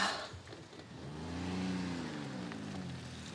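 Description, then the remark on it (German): A car engine hums and then revs up as the vehicle accelerates, its pitch rising and sweeping before settling into a steady drone, with no talking. “Und dann kommt nur noch der Hilferuf zu meinem Sohn, dass er mich bitte mit dem Auto abholen soll.”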